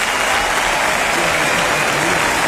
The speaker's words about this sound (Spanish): Fuerte aplauso a Canobra en el sonido. Fuerte aplauso acá.